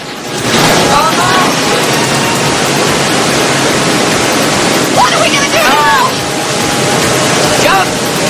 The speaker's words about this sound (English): The rapids pick up, and the pair spot a waterfall up ahead.